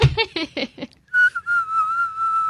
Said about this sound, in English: Can you whistle? I'm not very good.